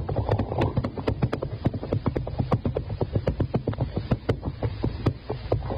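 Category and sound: animal, horse hooves clip-clopping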